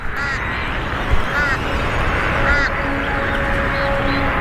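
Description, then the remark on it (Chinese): A crowded group of nestling birds at a lake, up to about 100 huddled together, calls all at once, a dense, steady din of overlapping nasal, quacking cries with a few sharper calls standing out now and then. “很快，鸟巢已经容纳不下长大的雏鸟了，它们挤在一起，形成一个个群体，每一群的数量可以多达100只。”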